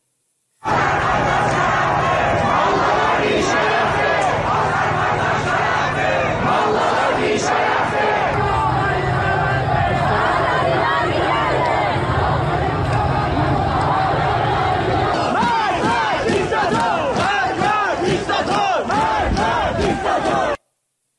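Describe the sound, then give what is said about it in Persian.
A large protest crowd in East Azerbaijan province, Iran, shouts and chants slogans together in loud, massed voices during the Dey protests, with a steady roar of many people throughout and a more rhythmic, pulsing stretch of chanting toward the end. “در برنامه جغرافیای انقلاب با مرور تجمعات، شعارها و شیوه های سرکوب در استانهای مختلف تصویری روشن‌تر از ابعاد انقلاب ملی دیماه ارائه می‌کنیم.”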